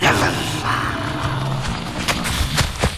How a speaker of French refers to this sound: Le tigre à dents de sabre vient de se lancer sur la proie qu'il avait repérée. Un macroquenia, une bestiole préhistorique qui ressemble à un mélange de cheval et de chameau. Le tigre fonce à une vitesse impressionnante, malgré la lourdeur de ses pas.